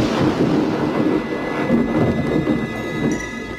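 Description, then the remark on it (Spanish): A heavy rainstorm with howling wind from Hurricane Mitch, then a tropical storm, in Honduras in October 1998, roars steadily and loudly, a dense, unbroken wash of rushing noise with deep rumbling underneath and no voices. “Oigan cómo sopla el viento y esa lluvia es interminable.”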